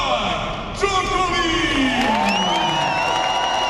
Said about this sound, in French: Dans les tribunes bien garnies du Philippe Châtrier, le public rugit dès l'entrée sur le court d'un seul homme.